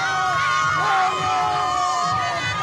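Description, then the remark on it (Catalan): A loud crowd of Spain football fans cheers and shouts in celebration, many overlapping voices yelling and whooping continuously for a few seconds with no pause. “No hi ha paraules, hi ha celebració, crit.”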